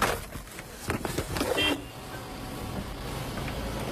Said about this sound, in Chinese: 我的车跟垃圾车一样。 这是工作的时候开的车。 对，去沙漠的时候开。